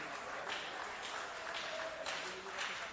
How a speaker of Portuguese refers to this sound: Vamos recebê-la com as palmas bem alegres para o Rei Jesus.